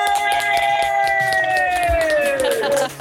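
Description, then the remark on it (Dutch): A small group of people in a living room cheers and screams together after a woman is told she gets concert tickets, one long, high-pitched, excited shriek that slowly slides downward in pitch for about three seconds before cutting off. “Lekker schreeuwen.”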